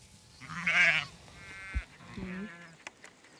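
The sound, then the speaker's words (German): Sheep of a shepherd's flock, some ewes still lambing, bleat out in a pasture: a loud, wavering bleat rises and fades, then a second, fainter bleat follows, with a few soft thumps and clicks in between. “Man merkt eigentlich an den Schafen, wenn wir jetzt abends rausziehen, die dann noch lammen, die bleiben meistens zurück.”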